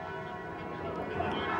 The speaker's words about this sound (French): Ah, vous les entendez, elles sont juste derrière moi. Je vous laisse écouter un petit peu les cloches.